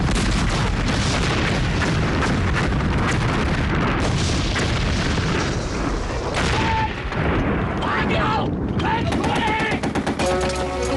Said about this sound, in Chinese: 日军的冲锋被386旅铺天盖地的炮火给砸了回去。